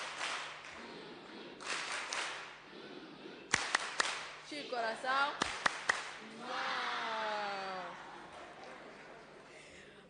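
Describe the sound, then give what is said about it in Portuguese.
An audience applauds Papa Chapo in bursts of crackly clapping, with a few sharp, loud individual claps standing out, while people speak over the applause. “Papa Chapo, receba as nossas palmas carinhosas como agradecimento por tudo que tem feito para as crianças moçambicanas.”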